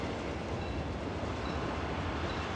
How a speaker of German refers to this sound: Nach etwa 20 Kilometern Fahrt erreicht der Zug den beliebtesten Haltepunkt der gesamten Strecke, den Bahnhof Zhongdongjin.